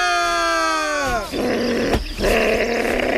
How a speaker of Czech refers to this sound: Moc na mě nevrč, potvůrko. Do auta tě radši zavírat nebudu, za to tě hezky pěkně svážu tady tím kabelem od housliček.